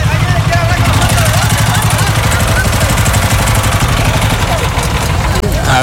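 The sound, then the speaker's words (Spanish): A boat motor idles loudly and steadily with a low, rhythmic chugging on a river while a person speaks briefly over it, then the motor is switched off. “ahí apagaron el motor.”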